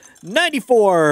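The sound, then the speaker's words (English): A plastic whistle toots a couple of short, buzzy, bending notes, then holds a loud, reedy tone whose pitch creeps slowly upward. No one talks over it. “A plastic whistle. Are you kidding me? You got it that quickly?”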